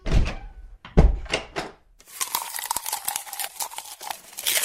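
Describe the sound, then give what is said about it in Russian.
A door slams loudly twice, heavy booming thuds about a second apart, followed by a steady scratchy, crackling rustle with no talking. “Кто кто-то громко хлопает дверью.”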